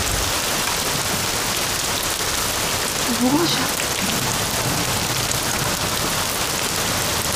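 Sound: rain falling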